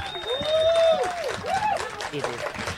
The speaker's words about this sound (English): And please put your hands together. Are you mob ready? For the Samoan dancers. All right, bring them out to a round of applause. Come on.